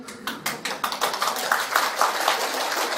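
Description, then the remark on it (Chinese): An audience claps together, a dense burst of many hands with sharp, overlapping slaps that swells quickly and holds steady and fairly loud for the whole stretch, with no one speaking. “拍手表示大家愿意修了啊！”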